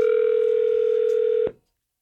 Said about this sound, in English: We'll see if we can get him on the phone here.